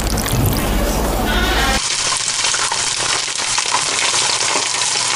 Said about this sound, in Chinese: 将包好的鸡蛋卷放入油锅炸至酥脆定型